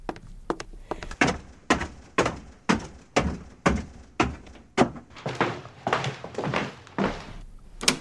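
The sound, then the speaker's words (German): A locked door, with the key in the lock, is rattled and shaken hard, producing a rapid series of loud wooden thunks and knocks in an uneven rhythm, with no voices. “Abgeschlossen. Aber der Schlüssel steckt.”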